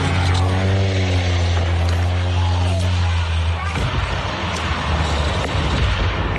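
A small propeller seaplane carrying 10 passengers and a pilot drones loudly for several seconds off the coast of Washington State, about 90 miles north of Seattle, then the steady engine tone abruptly breaks into a harsh, rushing crash of noise as it goes down into the water.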